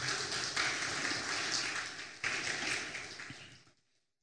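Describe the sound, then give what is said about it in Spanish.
An audience applauds for God for about four seconds, a dense wash of many hands clapping at once, holding steady before quickly fading out near the end. “Un aplauso, por favor, Señor.”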